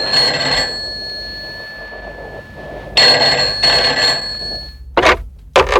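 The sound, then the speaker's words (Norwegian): A telephone call placed from a phone booth to a crisis centre rings in two bursts with a steady electronic tone, followed by a couple of short clicks like a receiver being picked up; nobody speaks. “Men så gikk jeg til en telefonkiosk og ringte til...”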